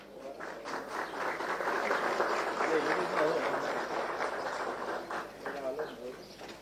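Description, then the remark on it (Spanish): A crowd claps steadily for several seconds at a ceremony where penitentiary directors receive car keys, applauding the director of the Misiones Penitentiary. A dense, even patter of many hands stays fairly loud throughout before thinning slightly at the end, with some murmuring underneath. “Aplauso también para el señor Arnaldo Maidana, director de la Penitenciaría de Misiones.”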